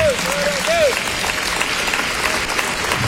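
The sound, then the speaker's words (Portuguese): An audience in São Paulo breaks into sustained applause for the word of the Lord, a dense, steady wash of clapping for the full few seconds, with a brief tonal sweep near the start. “Pode dar uma salva de palmas para essa palavra.”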